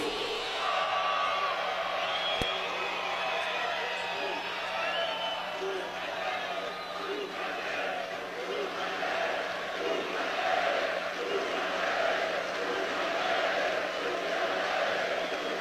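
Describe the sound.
A large concert crowd at Rock in Rio 2026 in Brazil roars steadily, a dense wash of shouting and cheering voices that holds at an even, loud level throughout, with scattered higher whoops rising out of the mass.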